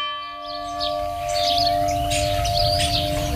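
A church bell strikes half past five with a long, steady resonant hum that carries through the whole moment, while birds chirp and twitter brightly over it outdoors; no one speaks.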